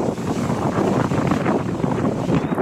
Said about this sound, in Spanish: El tamaño de las olas se hizo por lo menos 2 metros de altura. Y va la ola y golpea una embarcación y la eleva por los aires. Este es el mar de fondo en Puerto Escondido.